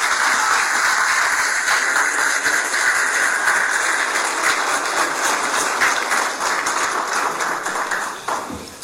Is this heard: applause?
yes